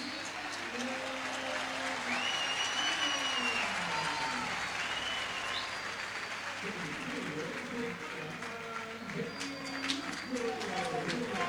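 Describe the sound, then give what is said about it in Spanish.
A stadium crowd applauds steadily throughout, a dense wash of clapping with a broadcaster's voice talking over it, as Boca players, including Velasco, are applauded during their warm-up before a match against Gimnasia de Mendoza. “Empieza a cambiar, ¿eh? Servido por aplausos, Velasco.”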